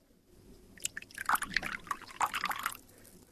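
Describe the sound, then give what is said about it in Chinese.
Water is poured into a cup for a guest, a brief splashy trickle lasting about two seconds with uneven spurts and drips, heard on its own without any talking. “快给客人倒水。”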